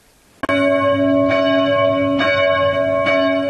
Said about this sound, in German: Die Glocken der Christuskirche in Amfort rufen zum Gottesdienst.